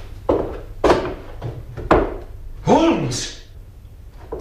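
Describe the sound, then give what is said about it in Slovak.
Three sharp wooden thumps, then a heavy trapdoor leading to the roof swings open with a long rising-and-falling creak of its hinges, fairly loud, with no voices. “To sú padacie dvere. Vedú na strechu.”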